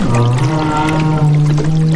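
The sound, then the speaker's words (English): Whale calls from a surface active group in the ocean: sustained, tonal moans and wavering cries with rich harmonics, continuous and fairly loud over a watery background wash, with no talking. “Since the visibility is so limited in the ocean, really the only way that they could be finding each other is using sound.”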